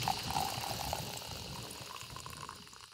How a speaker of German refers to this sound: Oh, also unsere Super-Luxus-Kaffeemaschine übergießt jetzt mit kochend heißem Wasser die frisch gemahlenen Kaffeebohnen.